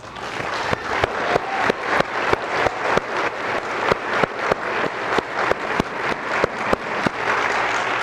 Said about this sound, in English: I want to take the time right now to give all those grandmothers who are right now praying for their children who are away from the church. I want us to applaud for them today.